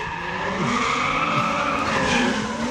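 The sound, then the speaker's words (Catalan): Car tires screech continuously as a vehicle skids around in circles without driving off, the squeal wavering up and down in pitch over a steady, loud engine roar. “Va està fent voltes, però... No està marxant, sí.”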